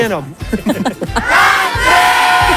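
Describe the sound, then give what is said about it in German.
Volunteer helpers, ice creams in hand, whoop and cheer with rising shouts at a Radio Tirol ice cream stop, then break into a steady wash of clapping and crowd noise that carries on loudly to the end. “Die Helfer haben sich ein Eis verdient und die gaben einen riesengroßen Applaus, oder?”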